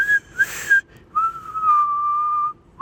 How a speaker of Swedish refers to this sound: Då visslar jag inåt, och det kan jag också.